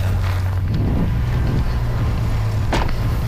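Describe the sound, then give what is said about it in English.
A car rolls along the dusty 201 Forest Service Road, a logging road detour from Kelowna toward Penticton, its steady low engine rumble and road noise filling the scene, with occasional brief bumps and rattles. No one speaks. “We follow in our own car. we're driving this 201 Forest Service Road because it's the only way to get to Penticton from Kelowna.”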